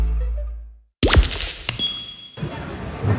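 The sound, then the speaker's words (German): A low hum fades to silence, then a phone hits a hard floor with a sharp crack and the screen shatters, glassy tinkling and rattling bits scattering for a couple of seconds. “Oh nein, mein Handy! Oh komm schon, geh wieder an, komm!”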